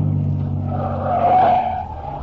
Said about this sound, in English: Ain't he kind of old to drive a souped-up buggy like this?